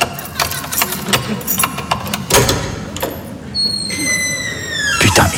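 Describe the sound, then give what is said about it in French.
Keys jingle and scrape in a lock with a run of sharp metallic clicks and a heavier clack, then a door swings open with a thin, high, drawn-out hinge squeak. “Bon, attends, je vais ouvrir, j'ai mes clés”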